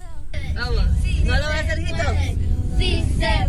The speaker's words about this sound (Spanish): Acá dejaron un video que obviamente no lo pueden ver, pero sí pueden escuchar cómo van cantando en el carro.